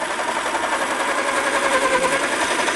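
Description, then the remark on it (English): An electric pencil sharpener grinds away in a steady, buzzing whir, its motor drone holding at an even loudness for a few seconds with no voices. “That was a pencil sharpener.”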